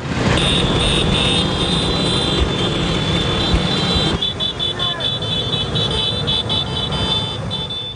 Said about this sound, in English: The little Italian scooter is getting its praise this weekend as the Vespa celebrates its 80th anniversary in Rome. Organizers say over 10,000 Vespas are swerving through the ancient Roman streets.